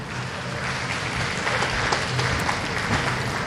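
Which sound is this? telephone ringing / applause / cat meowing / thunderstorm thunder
applause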